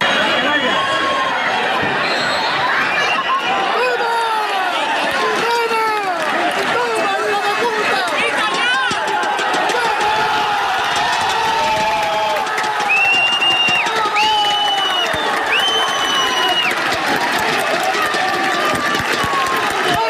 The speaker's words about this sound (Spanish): Porque así sonaban las gradas del pitido final del Calvo Sotelo 1, la Solana 0, con el que el equipo de fútbol de Puerto Llano ascendía ayer a eso de las 8 de la tarde a segunda ref, tras proclamarse campeón del grupo 18 de tercera división.